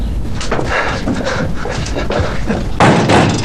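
A door swings shut with a solid thud near the end, preceded by a few seconds of shuffling, rustling movement.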